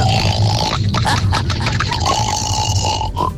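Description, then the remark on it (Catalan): A person imitates a pig for a radio phone-in game, with a rough, nasal squealing and grunting that runs nearly unbroken for about three seconds, loud and raspy with a steady whining tone, no other talk. “avui el … es farà el porc.”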